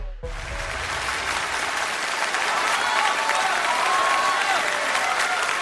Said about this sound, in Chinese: 谢谢，谢谢大家的掌声， 感谢大家，谢谢了， 谢谢。